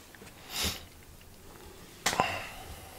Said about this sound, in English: Do you like this sound? Like breathing, etc., etc.? Do you think breathing is still important in this day and age?